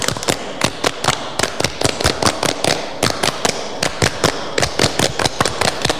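A group of children claps the rhythmic Pramuka (Indonesian scout) clap pattern twice through, sharp crisp hand claps in quick clustered bursts and short pauses, loud and steady with no talking over it.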